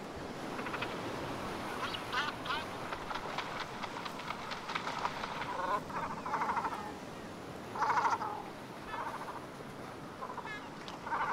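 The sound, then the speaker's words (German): Great cormorants at a ground-nesting colony on the coast of northern Funen, Denmark, give harsh, guttural croaking calls, repeated in irregular bursts and overlapping, over a steady, noisy colony background with no one speaking. “Um 1900 war der Kormoran in Dänemark ausgerottet.”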